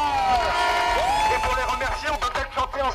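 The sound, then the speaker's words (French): A crowd cheers and whoops loudly in applause for the canteen crew who served the food, with rising shouts over a dense wash of clapping and excited voices that stays steady throughout. “Et c'est l'occasion de faire un tonnerre d'applaudissements pour nos camarades des cantines qui une fois de plus nous régalent.”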